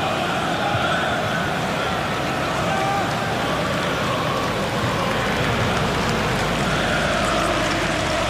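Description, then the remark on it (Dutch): A stadium crowd at an AZ football match applauds steadily in the thirtieth minute in tribute to Max Huiberts, a dense wash of clapping that holds at an even, loud level for the full stretch without building or fading. “Applaus is er voor Max Huiberts.”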